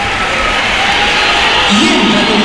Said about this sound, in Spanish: Pues... Pitada. Así me gusta, macho. Ese es mi Bernabéu. Una buena pitada en Mbappé.